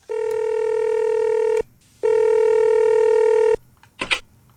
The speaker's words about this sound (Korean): 승식이가요? 화순이에게 전화를 합니다.